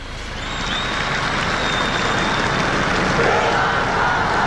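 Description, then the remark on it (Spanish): A large crowd, including young people from la Inmaculada shouting a cheer that makes the Pope smile, roars with steady applause and cheering at the Sunday Regina Caeli. A dense wash of clapping and shouting voices swells in the first second and holds loud throughout. “Ahí están los jóvenes de la Inmaculada que hacen sonreír al Papa con su grito.”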